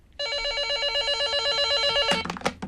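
A telephone rings with a rapid, trilling electronic warble that repeats steadily for about two seconds, then cuts off into a brief clatter, as if the handset is picked up.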